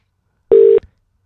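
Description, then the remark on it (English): A single short electronic telephone tone from a phone call being dialed, a steady buzzing pitch lasting about a third of a second, loud, followed by a tiny click and then silence. No voices. “Oh, now he's not going to answer his phone.”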